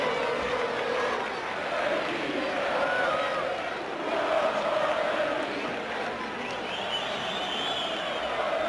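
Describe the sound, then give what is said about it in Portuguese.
Benfica football supporters in the stands at a match at Jamor, Portugal, create a steady, dense roar, with many voices chanting and singing together at a constant level throughout, and no single speaker standing out. “Belo ambiente nas bancadas. Mostra o som, António Farinha.”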